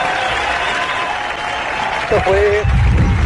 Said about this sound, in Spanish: Denle un aplauso.